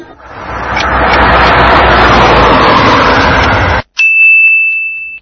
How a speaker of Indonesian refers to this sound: Sayyaratun, mobil.